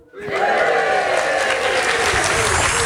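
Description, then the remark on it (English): A live audience of listeners at a recording of the BBC's Newscast breaks into sustained applause, a dense, steady wash of many hands clapping that starts abruptly after a brief silence and holds loud throughout, with a few faint cheers mixed in. “There's an audience of newscasters here to listen to an episode of Newscast.”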